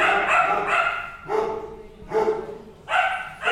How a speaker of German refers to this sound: Im Tierheim ist ganz schön was los. Die Hunde sind teilweise einzeln und teilweise grüppchenweise in Zimmern untergebracht. Kurz bevor sie ihr Mittagessen bekommen, sind viele von ihnen ganz aufgeregt. Es wird viel gebellt und herumgewuselt